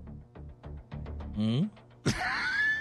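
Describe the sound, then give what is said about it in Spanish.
A voice imitates a pushing strain: a run of short, pushing grunts builds into a longer strained groan, then a sudden loud, breathy burst closes it out, fairly loud. “Un sonido de empuje, ¿ok?”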